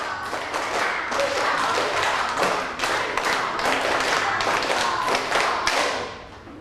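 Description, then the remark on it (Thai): A class of students claps a stepped clapping pattern once through, bright sharp hand claps repeating in regular bursts for several seconds before trailing off, with no talking over them. “เอาปรบมือเป็นสเต็ป1รอบปรบมือเป็นสเต็ป1รอบ”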